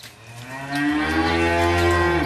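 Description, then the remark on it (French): A dairy cow on a dairy farm in Mauges-sur-Loire, Maine-et-Loire, France, kept under a large shed in heat of over 30 degrees, lets out a single long, loud moo, the low drawn-out call rising and holding steady over faint background noise. “mais aussi des animaux, comme dans cette exploitation agricole de vaches laitières.”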